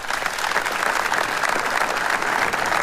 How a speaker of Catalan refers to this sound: Aquest migdia, davant de l'Ajuntament, s'ha dut a terme un minut de silenci marcat per l'emoció i el dolor i trencat per un llarg aplaudiment.